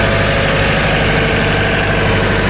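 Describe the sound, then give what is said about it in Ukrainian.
The small engine of Lyuflokh, a logistics rescue mini-crane robot built to carry cargo and clear rubble, idles steadily and loudly, a constant low mechanical drone with a faint rhythmic knock and vibration, no voices over it. “Тобто це такий міні-кран-робот, який може проїхати навіть у важкодоступні місця.”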